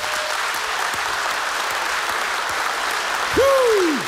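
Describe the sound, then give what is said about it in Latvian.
Sustained applause from a large audience fills the Dzintari Concert Hall in Jūrmala, in honour of a composer, a steady dense wash of clapping throughout, with a brief tonal whistle-like sweep rising and falling near the end. “Vēlreiz grandiozi aplausi par godu maestro ….”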